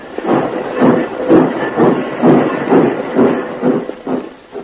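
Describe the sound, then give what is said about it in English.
A small locomotive working alone in a congested railroad yard chugs steadily, its rhythmic puffing chuffs repeating about twice a second over a continuous rumbling hiss, with no voices. “Captain Bill and Corporal Chaudron found the railroad yard in more than a mess. It was a riot. Congestion on every track, and only one tiny locomotive”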